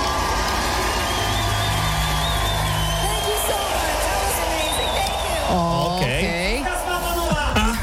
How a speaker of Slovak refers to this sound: Ešte raz si dajme ten potlesk, podľa mňa to nie je až také jasné. Podľa mňa je to náročné, je to takže náročné.